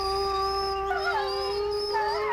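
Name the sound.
wolf howling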